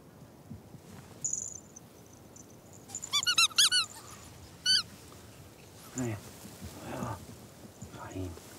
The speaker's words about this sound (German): Jetzt noch die Frettchen herauslocken aus dem Labyrinth mit Trick 17, dem Quietschewalross.